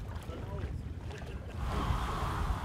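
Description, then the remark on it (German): A sailboat without a motor, moved only by the wind, sails on the Müritz lake in Germany, with steady rushing water and gusting wind that swells louder halfway through, continuous, with faint indistinct voices in the background. “Fortbewegen ausschließlich mit dem Wind.”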